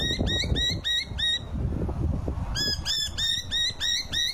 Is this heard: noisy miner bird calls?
yes